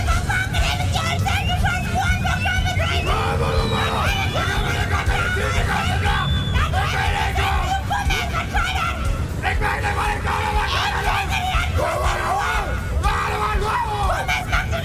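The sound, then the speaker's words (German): Many voices yell and shout at once, loud, forming a continuous wall of raucous hollering over a dense crowd din for the whole stretch, at the Bunkinale, a dialect screaming festival in the municipality of Bunkenstedt, held in late summer. “Ist sie doch mittlerweile zum größten Mundart-Schrei-Festival Europas geworden.”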